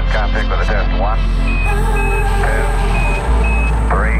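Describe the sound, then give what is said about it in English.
Steady low engine rumble from street traffic in Houston, with a vehicle's reversing alarm beeping at a regular pace and brief chirpy sounds scattered over the constant hum. “This Houston traffic with a test.”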